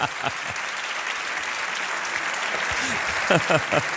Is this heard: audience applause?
yes